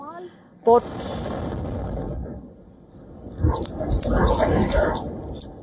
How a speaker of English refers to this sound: During a live broadcast, she was forced to run for cover as the drone exploded nearby.